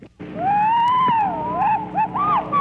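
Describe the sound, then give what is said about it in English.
A phoebe's song, heard alone as long, clear whistled notes that glide and bend, followed by a few shorter rising and falling phrases, loud. “And this means, of course, that the same goes for the Phoebe,”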